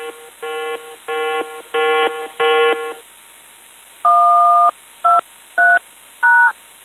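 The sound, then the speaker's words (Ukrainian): A drone danger alert at yellow level sounds: five buzzy electronic beeps in a steady rhythm, a pause, then a longer two-tone beep and three short two-tone bleeps, loud and alone. “Дронова небезпека.”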